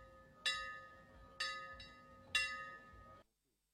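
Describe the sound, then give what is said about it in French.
A bell rings in three evenly spaced strikes about a second apart, each ringing out with a sustained metallic tone that overlaps the next, then cuts off abruptly, at the opening of the 15 August festival on La Digue. No one speaks. “et nous retenons la cloche encore.”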